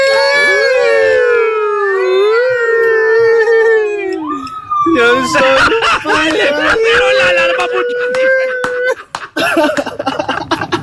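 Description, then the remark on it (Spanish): Someone vocally imitates an ambulance siren, a wavering wail that rises and falls and then drops in pitch as if passing by, followed by louder, busier voices and laughter. “Y que es el efecto Doppler y todo cuando pasa la ambulancia al lado de uno.”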